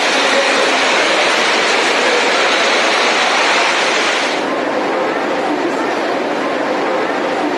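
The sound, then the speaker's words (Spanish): Floodwater from heavy rain rushes into the El Labrador metro station in Quito with a loud, steady roar that continues throughout, turning slightly duller and less hissy about halfway through. “Tal fue la intensidad que el agua ingresó a la estación del metro del Labrador, ante lo cual personal buscaba los mecanismos para desfogar el agua y evitar que el servicio se suspenda.”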